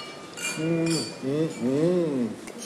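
Wine glasses clink together in a toast, a couple of bright, ringing taps, while a man's voice talks over and between them.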